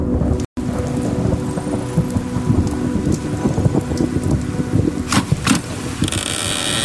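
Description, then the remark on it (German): Steady rain falls in a dense, continuous hiss with a low rumbling undertone, broken by a couple of brief, brighter splashing bursts toward the end; no voices are heard. “Jetzt? Im Regen?”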